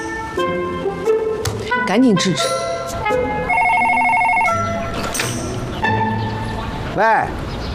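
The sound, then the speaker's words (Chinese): A telephone rings in a steady, bright electronic trill, mixed with other indistinct background sounds, including some voice-like sweeps. “喂，找谁啊？”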